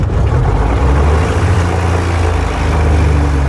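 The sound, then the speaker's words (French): A large flooded engine roars into life after two hours, once its 12 spark plugs were removed and cleaned, and keeps running loud and steady, a deep throbbing rumble with a rough, buzzing edge and no voices. “Le moteur semble noyé. Et au bout de 2 heures, la délivrance.”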